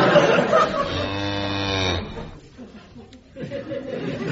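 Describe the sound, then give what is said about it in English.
A cow gives one long, loud, drawn-out moo that rises slightly in pitch over about two seconds, then fades into quieter, muffled background voices. “How can 400 weight of cow be a facade?”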